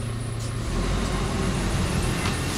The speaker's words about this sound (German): holt Ralf das Papier mit seinem Müllwagen ab